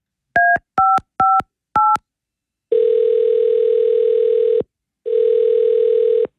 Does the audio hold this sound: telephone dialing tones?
yes